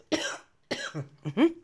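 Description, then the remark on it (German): Two harsh, close coughs about half a second apart, followed by a short rasping throat sound that ends in a brief voiced groan, with no talking. “nur echt mit Husten, wisst ihr ja.”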